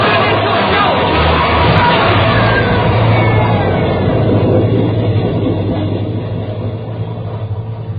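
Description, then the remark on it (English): A loud, continuous roar of an underground train rushing through a tunnel, heavy rumble and rattling filling the space before easing slightly as it passes. “there's a train coming through.”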